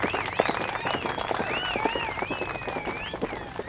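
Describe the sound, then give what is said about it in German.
Castle guards clap steadily in a dense, continuous burst of applause, with shrill whistles rising and falling over the top. “Nein, diesmal klatschten die Wachen Beifall.”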